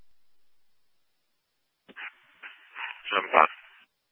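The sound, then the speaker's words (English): After a stretch of silence, a dog lets out a few short barks and whimpering whines over about two seconds. The sound is thin and tinny, moderately loud, with no talking. “This update, trying to contact the owners of the dog, as there's phone numbers on the tag.”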